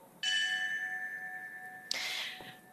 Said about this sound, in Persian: همینطور که میشنوید، هر اسمی که خوانده میشه به یاد او ناقوسی زنگی نواخته میشه و به صورت پیوسته این اسامی بلند بازگو میشه.